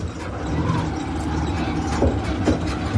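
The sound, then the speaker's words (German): The engine of a red motorcycle tricycle with an attached metal cabin drones steadily with a rough rattling rumble, punctuated by a couple of sharp knocks and jolts as it bumps slowly along narrow gravel roads in Davao. “Das Motorrad mit angehängtem Metallgehäuse holpert über enge Schotterwege.”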